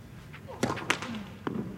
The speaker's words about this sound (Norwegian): Prøvde igjen, gikk langs midtlinja, men ballen ble stoppet av nettkanten. Dere hørte smellet.